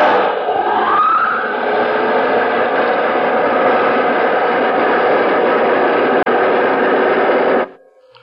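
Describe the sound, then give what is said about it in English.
A spaceship's jet dynamos, driven by the harnessed power of 1,000 suns, roar in a loud, steady, hissing rumble, with a brief rising whine near the start, holding for about seven seconds before cutting off abruptly. No one speaks. “Those jet dynamos you see before you exist. Jet dynamos driven by the harness power of 1,000 suns.”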